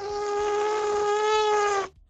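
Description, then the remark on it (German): A voice imitates an elephant trumpeting with the mouth: a single thin, high, buzzing tone held steady for about two seconds, heard alone, then cut off abruptly. “der authentisch das Tröten eines Elefanten nachmachen kann. Mit dem Mund.”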